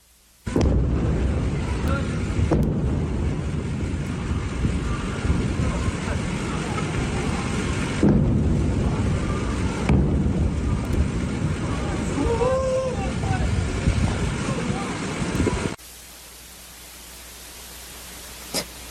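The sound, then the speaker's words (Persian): Several deep booming explosion blasts burst out at irregular intervals over a constant loud rushing roar of noise, in the early hours of 24 Tir in Sirik. The roar cuts off abruptly near the end and leaves a much quieter hiss. “ویدیوی رسیده به ایران اینترنشنال از مخاطبی است که وقوع چند انفجار رو در بامداد 24 تیر ماه در سیریک نشان میدهد.”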